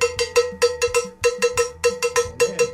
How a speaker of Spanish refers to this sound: Pégale como carro de basura del año 33. Empecemos que el cencerro no se cogía así.